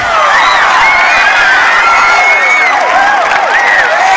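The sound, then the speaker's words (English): A loud, dense crowd of young voices at a high school dance at Rydell High fills the space, with overlapping shouts, whoops and excited cheering rising and falling continuously, lively like a packed school dance. “Running his fingers through his hair, he hurries through the crowd.”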